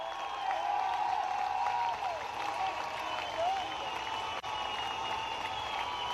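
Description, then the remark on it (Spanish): An audience applauds God in praise, clapping steadily in a dense, sustained burst of applause for about six seconds, with a faint murmur of voices underneath and a brief dip near the end. “Que el que le aplaude a Dios y el que alaba a Dios con sinceridad.”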